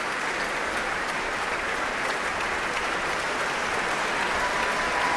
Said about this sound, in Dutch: Een staande ovatie voor Guy Brownstein. Een applaus ook van de muzici van het Concertgebouworkest.